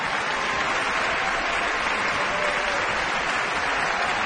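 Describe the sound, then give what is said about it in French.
Sustained applause from a large audience at the Met fills the hall at a curtain call for Carlo Alvarez and Isabelle Lennard, a dense, steady wash of clapping that continues evenly throughout without breaks, loud. “And Isabelle Lennard is applauding him, and now she steps Isabelle forward.”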